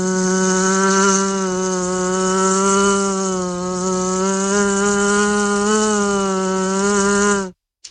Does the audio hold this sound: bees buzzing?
yes